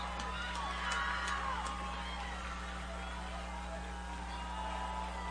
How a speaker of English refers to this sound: West Central's crowd trying to cheer up the offense here. Will them to a first down.